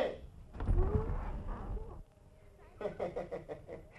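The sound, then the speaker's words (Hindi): A door is opened with a low, rumbling mechanical scrape that lasts over a second, then stops. Muffled voices follow. “अरे बस बस, दरवाजे मत तोड़िए। जरा दरवाजा तो खोलिए।”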